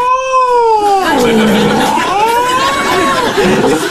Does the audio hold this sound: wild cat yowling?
yes